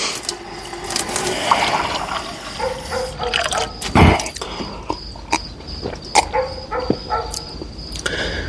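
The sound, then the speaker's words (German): Water runs from a tap in a steady hiss, broken by scattered clicks, knocks and a dull thump partway through. No one speaks. “Er ging zum Wasserhahn.”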